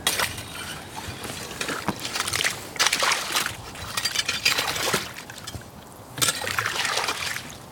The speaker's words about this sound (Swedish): Det är som en slask här, eller slushy. Massor av små isbitar här på ytan i vaken.